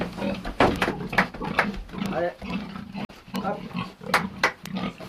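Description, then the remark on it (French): Pigs grunt and snort in a steady, irregular run of rough bursts, with a few higher squeals breaking through, all against a low hum, on a farm in Pozieux that also raises cows and chickens. “À quelques kilomètres de là, autre ferme, autre avis, à Pozieux, Dominique Zofingue élève des vaches, des poules et des porcs.”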